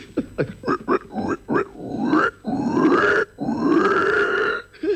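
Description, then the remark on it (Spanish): A voice imitates snoring: a quick series of short, grunting snorts, then two long, rasping drawn-out snores that rise in pitch, loud and with no talking. “yo ronco.”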